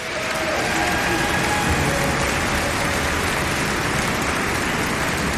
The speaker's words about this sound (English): will you come out here and give a big welcome round of applause